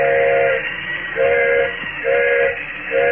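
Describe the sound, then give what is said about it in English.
A train whistle, blown by the engineer to call for a flagman while the train is stopped in the mountains at night, sounds in a steady series of short, loud blasts, each about half a second long, repeating at a regular pace over a constant hiss and low rumble. “Engineer's whistling for a flagman.”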